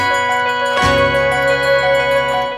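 Bell tones ring out in a recorded music track played from a record on a turntable, a repeating melody of sustained, shimmering notes joined by a struck accent and a deep, steady bass drone, loud with no voices.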